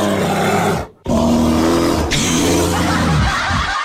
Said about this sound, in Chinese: 我们来听一下这个原版的熊声啊。